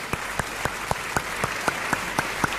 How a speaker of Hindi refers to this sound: सबसे पहले तालियों के साथ स्वागत कीजिए प्रेम शुक्ला और दीपक झा।